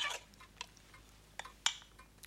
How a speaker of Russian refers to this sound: В руке мамы небольшой половник. Так. Она раскладывает им овсянку.